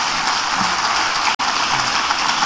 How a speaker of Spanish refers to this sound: Amén. Dale un aplauso al Señor antes de sentarte.